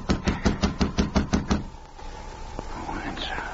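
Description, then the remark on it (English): A quick, steady run of about eight firm knocks on a wooden cabin door, a man knocking again as he waits for it to open, loud, then the knocking stops and only quiet ambience with faint small sounds remains. “As he waited for the door to open, Jim looked over his shoulder nervously. Then he knocked again.”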